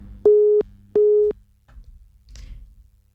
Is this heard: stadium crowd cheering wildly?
no